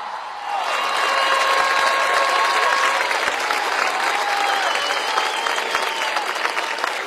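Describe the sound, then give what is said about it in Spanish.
A concert audience breaks into loud, sustained applause after a brief moment, the dense clapping holding steady throughout with faint whistles or cheers rising above it. “El aplauso es para mis compañeros en el escenario esta noche.”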